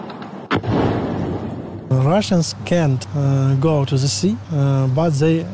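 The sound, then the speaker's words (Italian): A sharp anti-aircraft burst cracks out in Odessa, Ukraine, amid Russian drone attacks in summer, followed by a second of rough, rumbling noise, and then a voice begins speaking steadily over a low background hum. “Qui il rumore dei droni e quello dell'antiaerea sono diventati una sorta di inquietante colonna sonora dell'estate.”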